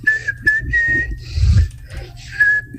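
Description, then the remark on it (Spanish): Someone whistles a song melody, holding clear, steady notes in short melodic phrases with brief pauses, over some low rumbling background noise. “Pero es si tú la cantas, no si tú la silbas.”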